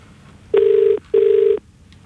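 Two steady electronic ring tones of a telephone call being placed, each lasting under half a second with a short gap between, loud against a quiet background.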